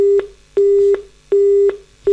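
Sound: telephone tone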